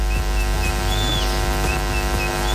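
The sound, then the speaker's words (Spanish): A father whistles a few short, rising notes in quick succession as a signal to his daughter before her 500-metre race, moderately loud, over a constant low electrical hum with no talking. “Entonces, él siempre antes de competir me chifla.”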